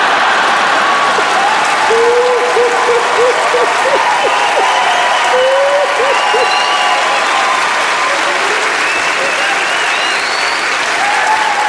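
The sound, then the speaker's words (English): Steady, dense applause from an audience fills the whole stretch, mixed with scattered laughter and a few whoops rising above the clapping, holding at a loud, even level throughout. “Is some of your clapping, some are laughing, some are like, it's still not funny.”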